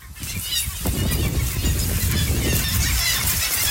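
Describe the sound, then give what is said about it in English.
A loud, dense wall of calls from hundreds and thousands of seabirds on Middleton Island, countless overlapping squeals and cries blending into a continuous, chaotic din with no pauses, no talking. “Birds everywhere. And it's just deafening sound of hundreds and thousands of birds, and you can smell it as well.”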